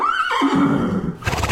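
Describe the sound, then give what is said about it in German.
A horse whinnies loudly, its shrill call sliding downward over about a second, followed by a burst of rustling, hoof-like noise. “Oh, Pferde.”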